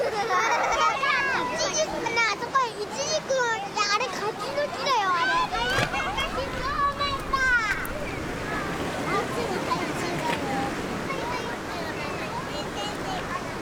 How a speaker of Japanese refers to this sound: 川沿いにある保育園では、岩でせき止めた自然のプールで川遊びします。